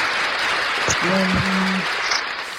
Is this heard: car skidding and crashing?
no